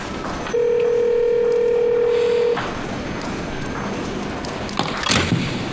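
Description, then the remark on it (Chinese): A telephone rings with a single steady electronic tone lasting about two seconds, followed by quieter room noise and a few faint clattering sounds near the end. “你接电话呀倒是。”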